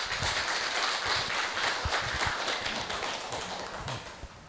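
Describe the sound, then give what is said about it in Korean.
An audience claps together in a dense, steady burst of applause, welcoming a Buddhist patriarch who is to give a greeting, then the applause gradually thins and softens toward the end. No one speaks. “큰 박수로 조사님을 모십니다.”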